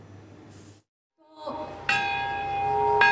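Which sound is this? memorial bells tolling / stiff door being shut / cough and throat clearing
memorial bells tolling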